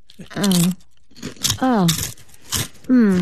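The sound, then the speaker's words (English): Several loud crunching bites into crunchy food, coming in bursts with short pauses between them, mixed with voiced murmurs and hums from the people eating. “Here and Now resident chef … has several crunchy new recipes”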